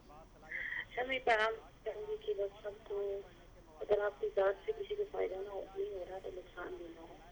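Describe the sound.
A radio plays in the background of a caller's phone line, its voices steady and muffled through the narrow, tinny connection, running continuously for several seconds.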